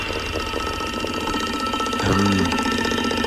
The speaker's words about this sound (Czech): Zní to jako datel. Že by to byl datel. A jo, je to datel. A ťuká si do rytmu Rádia 1.